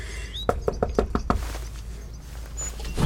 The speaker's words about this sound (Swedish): Nu knackar jag på.